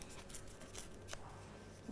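A teacher tears paper by hand into a square with straight lines during a children's lesson: quiet sound of a few short crackling rips spread over a couple of seconds with soft rustling between them, and no talking.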